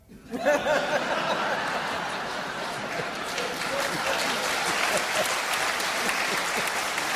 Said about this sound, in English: It's a weak clap.